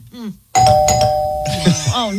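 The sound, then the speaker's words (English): A doorbell in an Amazon grocery commercial rings with a loud, bright electronic chime whose steady tones ring out for about a second, while people talk just before and after it. “But her dog hears it, the dog goes straight to the door thinking someone's at the door.”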